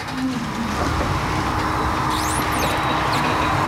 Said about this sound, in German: Gerade kommt eine Lieferung von einem landwirtschaftlichen Betrieb aus dem nahen Herzogenrath in Deutschland. Palettenweise werden sie vom LKW geladen.